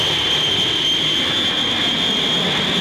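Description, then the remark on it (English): A steady, loud jet engine roar with a thin high-pitched whine running through it, holding constant without rising or fading, and no voices. “In a jet, slicing through the sky, the Lord is my shepherd.”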